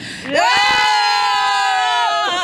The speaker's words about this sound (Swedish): Kan man få ett rockskrik innan ni drar här från T-centralen så man hör ända till Norge.